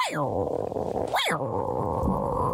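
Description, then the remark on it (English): A man's voice imitates a tiger's growl, a loud, rumbling snarl that sweeps up and down in pitch twice over a couple of seconds, with no words spoken. “Had to give a good old tiger growl.”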